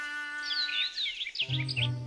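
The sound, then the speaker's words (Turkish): Quick, high-pitched bird chirps and twittering calls sweep up and down over a steady hum. A low buzzing tone joins partway through while the chirping continues. “Yaklaşırsan kuş kaçar.”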